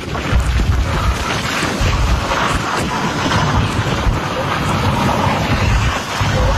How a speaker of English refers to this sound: That's southeast of St. Paul, Nebraska. It was an EF3 tornado. It was just over 6 miles that it traveled, and it was 350 yards wide at its peak, according to the National Weather Service. Let's take a listen to it.